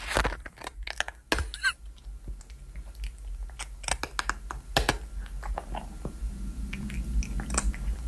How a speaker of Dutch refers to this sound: Doortje de poes die lekker aan het eten is. Ah, oh, wat schattig.